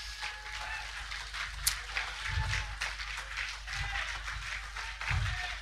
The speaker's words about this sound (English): Give God a wonderful round of applause today.